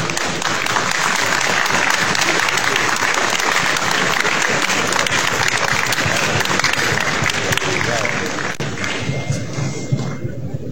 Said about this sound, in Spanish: lo recibimos con fuertes palmas.